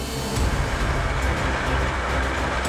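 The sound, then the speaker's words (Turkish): A train of six rail wagons loaded with soil dug by a tunnel boring machine rolls steadily along tracks in a tunnel toward a shaft entrance 2 kilometres away, with a continuous low rumble and faint metallic clatter, and no voices. “6 vagon doldurulduğunda 2 kilometre ötedeki baca girişine çekiliyorlar.”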